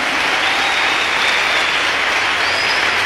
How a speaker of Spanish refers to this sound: Pueden darle un fuerte aplauso al Señor.